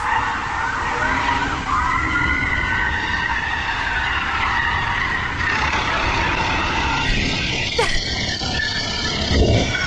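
A police car in a high-speed chase roars past at speed on a suburban street with screeching tyres skidding on the road, loud, engine noise sustained throughout with a sharp burst near the end.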